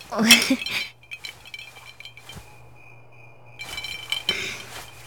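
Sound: glasses clinking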